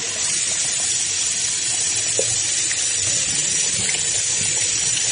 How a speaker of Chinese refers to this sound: 我们洗脸的时间差不多一分钟以内，所以差不多就揉个几十秒，过水洗掉。